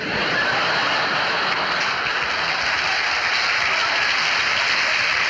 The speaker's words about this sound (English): For our last number, I'd like to ask your help. Would the people in the cheaper seats clap your hands? And the rest of you, if you'd just rattle your jewellery.